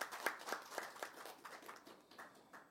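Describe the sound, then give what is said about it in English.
A brief spell of audience applause for the news that Air Canada will begin seasonal service on October 31st: quick, uneven handclaps blend into a soft patter that gradually thins and fades over a few seconds, with no voices over it. “This was one of our, that deserves a applause.”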